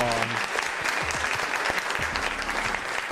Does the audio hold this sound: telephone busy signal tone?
no